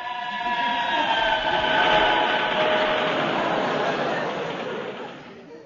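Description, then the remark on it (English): A train rumbles steadily past, a dense roar with faint whining tones that swells to a peak midway and then begins to fade, with no voices over it. “That was a train.”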